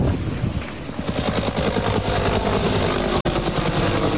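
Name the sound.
firefighting helicopter flying overhead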